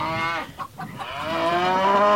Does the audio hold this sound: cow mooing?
yes